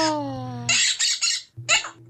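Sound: parrot squawking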